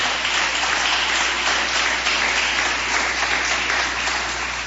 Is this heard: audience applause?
yes